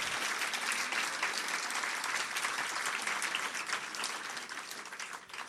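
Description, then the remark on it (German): A crowd applauds a poetry slam performer steadily, dense clapping holding at an even level throughout before tapering off slightly toward the end. “Nochmal einen Applaus für den Slammer, nicht für die Punkte.”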